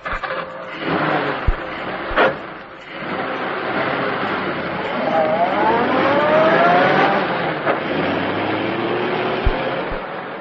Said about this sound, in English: The two men pushed the automobile down the slope of the road, jumping in when the car began to gather speed.